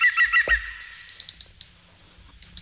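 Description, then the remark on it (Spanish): An Iberian green woodpecker calls: a few harsh, ringing notes, then a quick run of five sharp, laughing yelps, and two more after a short pause. No one speaks. “Este es el pito ibérico, que se llama ahora.”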